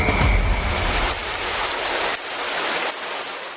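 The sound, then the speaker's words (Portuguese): Running shower water hisses steadily and loudly, a dense spray of droplets with a brief low rumble at the start and no voices. “Mas então vamos mandar alguém para o chuveiro”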